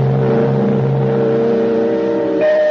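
A car engine idles with a steady hum, then near the end the pitch jumps upward as it revs briefly. No voices, just the continuous motor drone.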